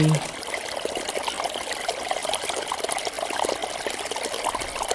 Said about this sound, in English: The sound of the water is very busy. It's rushing. It's fast-flowing water, rushing over stones, gurgling.